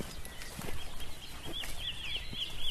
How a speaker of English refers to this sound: The wren, isn't it? It was a wren, wasn't it?